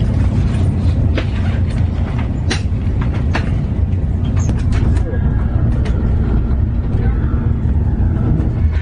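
A steady, loud low rumble fills a moving, nearly empty train carriage with large seats, with sharp clicks and rattles of the wheels and fittings breaking through at irregular intervals.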